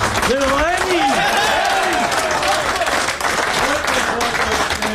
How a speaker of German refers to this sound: Einer, der weiss, wie man gewinnt. 20-fache Grand Slam-Sieger, der Roger Federer, ist in die Garderobe gegangen. Genau. Und mit Empfang und viel Applaus empfangen worden.